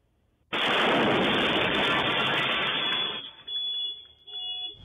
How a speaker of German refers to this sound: da gab's schon mal mehrere Explosionen in Frankfurt und auch in Offenbach